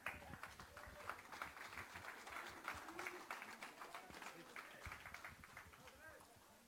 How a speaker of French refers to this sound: On va inviter, donner une bonne applaudissement, s'il vous plaît, pour M. le maire de Saint-Pierre, André Thériault.